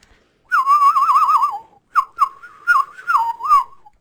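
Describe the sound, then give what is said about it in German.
A person whistles a warbling, trilling tune, imitating a bird call: one long wavering phrase, a brief pause, then several shorter chirpy bursts. “Das könnte fast ein Vogel sein, oder?”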